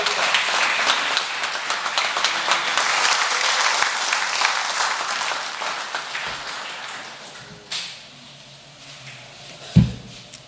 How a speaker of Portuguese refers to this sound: Dar glórias ao Senhor e palmas para Jesus.